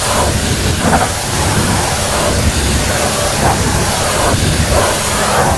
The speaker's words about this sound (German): Und Andi, du hast recht, es ist ein Hochdruckreiniger